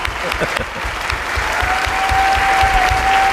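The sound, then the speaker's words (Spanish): Steady audience applause for Sergio del Molino as he says goodbye to the radio programme Radioficción, a dense patter of many hands clapping at a fairly loud, even level for a few seconds, with a faint sustained tone sliding in partway through. “Un aplauso para Sergio del Molino, que se despide de Radioficción.”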